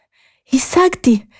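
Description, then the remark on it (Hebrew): A voice acts out the breathless panting of a character who has just run quickly to a cave: three quick, breathy, partly voiced gasps in a loud rhythm, with no words spoken. “קמה תגו ורצה במהירות לעבר מערת החכם, כשהיא מתנשמת ומתנשפת. תגו הגיעה קצרת נשימה למערה.”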